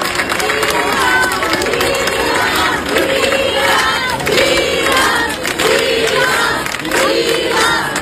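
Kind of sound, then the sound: crowd, crowd applause and cheering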